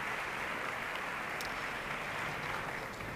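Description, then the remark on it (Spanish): A concert hall audience applauds steadily as concertmaster Julia Iglinova comes onstage to tune the orchestra, a dense, even wash of many clapping hands with no pauses and no voices, holding at a moderate level throughout. “Esos aplausos que suenan son dirigidos a ella.”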